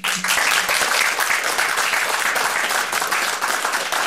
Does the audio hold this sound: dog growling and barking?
no